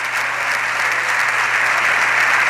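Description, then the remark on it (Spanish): Sustained applause from PSOE deputies in the Spanish Congress receiving the Spanish prime minister, who stands and applauds back: a dense, steady clatter of many hands clapping at even loudness throughout, with no voices standing out. “Ese es el aplauso con el que los diputados y diputadas del PSOE están en este momento recibiendo al presidente del gobierno, que vuelve a levantarse con una amplia sonrisa y aplaude a su grupo parlamentario.”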